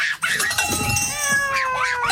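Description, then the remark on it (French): A cat yowls in a long, drawn-out meow that wavers up and down in pitch, loud, with no voices around it. “Il raconte qu'il a déjà attaché des casseroles à la queue de son chat”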